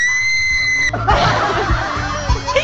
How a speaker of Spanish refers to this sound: ¡Chicas, un grito!